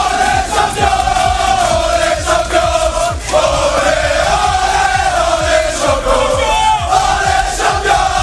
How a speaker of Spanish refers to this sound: El partido acabó con empate a 1 y tuvo que resolverse en una agónica tanda de penaltis donde los de Luis Enrique se impusieron por 4-3. Así lo celebraban minutos más tarde en el vestuario.